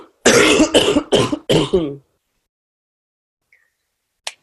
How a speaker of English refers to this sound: Excuse me, I just have to cough again.